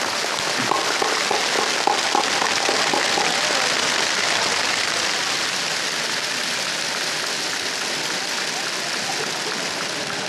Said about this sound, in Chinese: 让我们以热烈的掌声为以上获奖单位代表团表示祝贺。